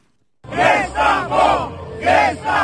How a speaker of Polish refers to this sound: Wzburzony tłum protestujących przed Trybunałem Konstytucyjnym i przepychanki z policją.